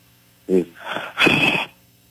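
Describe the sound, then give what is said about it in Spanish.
A sharp gasp followed by two heavy, rasping breaths, loud and breathy, ending abruptly in silence; no speech. “Se está escuchando así como un como un tipo jadeo.”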